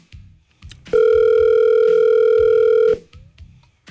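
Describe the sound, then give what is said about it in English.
A single loud, steady two-second ringback tone from an outgoing phone call to an uncle, with faint low rumbling background noise before and after it. “It's phone loud today.”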